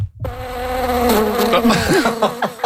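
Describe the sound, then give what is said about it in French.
Mosquitoes buzz loudly in a steady, whining drone, their pitch wavering and swooping as they move around, evoking the joys of camping. The buzzing starts abruptly after a brief moment of silence, with no voices. “Oui, ça, ce sont des moustiques pour parler des joies du camping.”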